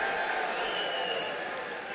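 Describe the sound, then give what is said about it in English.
A large audience in the Opry House at the Grand Ole Opry claps steadily, a dense wash of hand claps that holds at an even level for the full two seconds with no voice on top. “I hear you clapping.”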